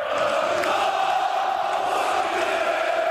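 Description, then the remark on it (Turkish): A large crowd of Fenerbahçe club members chants loudly and steadily as Aziz Yıldırım celebrates his election win, a dense wall of many voices without pause for the whole few seconds. “Aziz Yıldırım seçim galibiyetini üyelerle birlikte tezahürat yaparak kutladı.”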